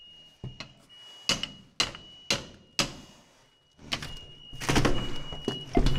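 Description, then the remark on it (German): Firefighters strike a door at a fire with smoke showing, four sharp heavy blows spaced about half a second apart, followed by a dense burst of rapid banging and rattling as it is forced open. “Hau mal drauf.”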